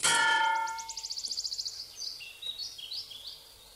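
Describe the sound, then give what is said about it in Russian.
A sharp metallic clang from something bumped into a metal crane hook rings out loudly, then decays into a quick fluttering trill and a few high chirps. No voices. “Озирается, пятится, натыкается на крюк крана.”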